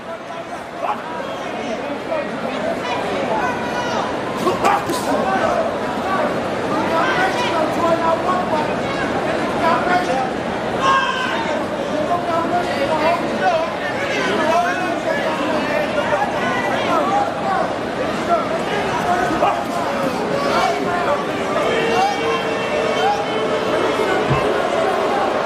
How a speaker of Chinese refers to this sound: 现场也是响起了嘘声，打到这个阶段双方还是进行这种慢节奏经济型消耗，现场嘘声四起啊，观众也表达了对于两个人的不满。